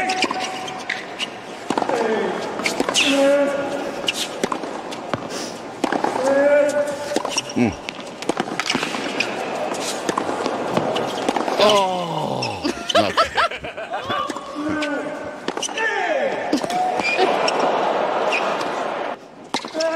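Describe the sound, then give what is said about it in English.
A tennis rally: sharp, punchy ball strikes land in an irregular back-and-forth rhythm, several of them paired with loud, strained grunts that rise and fall in pitch, steady and busy throughout. “I've got the grunting. Oh, …'s got the grunting one.”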